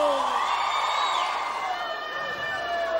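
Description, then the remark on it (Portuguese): A crowd shouts and cheers together, a dense wash of many raised voices holding steady and loud for a few seconds without letting up. “Quem gostou, dá um grito!”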